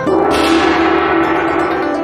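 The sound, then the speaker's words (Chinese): A large old brass gong, one of the second-hand items found while bargain-hunting at a market, is struck once, then rings on with a loud, shimmering, sustained hum that slowly fades over the following seconds, with no talking. “品种挺多样，色彩丰富的玉石花盆景，百年历史留声机，还有那一敲就响的大铜锣。”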